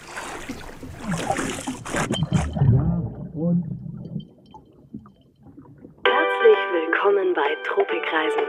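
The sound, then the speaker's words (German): A large gong is struck, a broad metallic crash that settles into a deep, rumbling hum and fades out, followed by a bright, sustained tonal sound that starts abruptly. “Großer Gong.”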